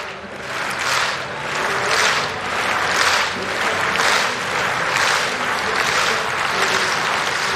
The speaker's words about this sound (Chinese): 他在让现场观众们的这个掌声节奏呢稍微变慢一点。